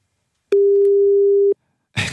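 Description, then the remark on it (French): A phone line's ringing tone sounds once while calling a French mobile number, a steady, clear one-second beep, before a short burst of hissy noise cuts in at the end. “on a le numéro d'une référente qui nous a été donné par Olivier. Un numéro de portable français”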